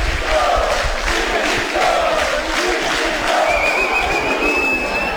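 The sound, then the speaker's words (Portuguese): A stadium crowd of football fans shouts in a loud, steady roar that never lets up as Vinícius leaves the field, crouching and gesturing with his arms, with his team leading 3-0. A thin, high whistle-like tone rises out of the din near the end. “Todo mundo gritando, ele se abaixa, faz sinal com os braços.”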